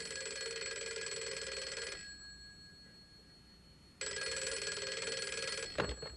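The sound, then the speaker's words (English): An old-style home telephone bell rings at night in two long, loud bursts separated by a pause, with a click or handset pickup at the very end. No one speaks. “One night our phone rang.”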